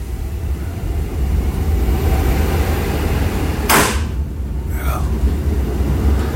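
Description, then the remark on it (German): An old train in Warsaw, heard from aboard, rumbles and rattles steadily with a loud, low roar, broken by a sharp hissing burst midway and a brief, squealing creak shortly after. “Schnauft, krächzt und krachtet noch so richtig.”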